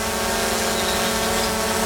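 A steady buzzing drone of small propellers, with a constant whining pitch and layered harmonic hum that holds evenly throughout without any voices.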